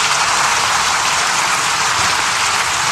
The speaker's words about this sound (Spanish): 7 minutos de aplausos. Es evidente que los diputados necesitaban acercarse a alguien con credibilidad, a alguien que vive lo que predica.